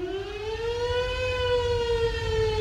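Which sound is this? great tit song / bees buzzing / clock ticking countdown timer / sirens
sirens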